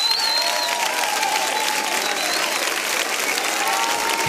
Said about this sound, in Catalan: Un fort aplaudiment, per favor